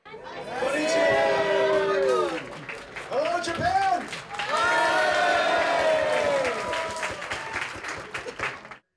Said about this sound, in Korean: 젠슨 황 엔비디아 최고 경영자가 행사장에 등장하자 환호성이 터져 나옵니다